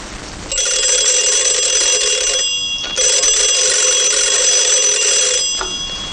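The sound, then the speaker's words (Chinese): An old-fashioned telephone rings loudly in two long, buzzing bursts separated by a brief pause, with no voices. “就是嘛，马上打电话给陈坚，问问三八五高地附近有没有情况。”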